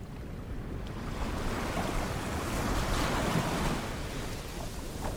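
Steady ocean surf rolls and hisses in a broad, continuous wash, with a low rumble of breaking waves and some wind noise. No one speaks.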